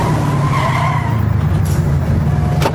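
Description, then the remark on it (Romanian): A car's engine rumbles loudly as its tires squeal in a long skid under hard braking, ending with a sharp scrape near the end. Loud, with no voices. “Oprește mașina sau sar din mers.”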